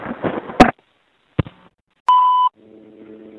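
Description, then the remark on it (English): A rattling mechanical clunk and a sharp click, then a single short, clear electronic beep from the keypad of a payphone underneath the subway, working again after years out of service, followed by a faint low buzzing tone on the line. No one speaks. “I'm going to include this phone on my collection of payphone buttons.”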